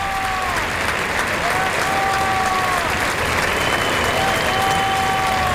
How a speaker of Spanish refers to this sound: Y Lea Vicens, que se va a los medios. El público le aplaude.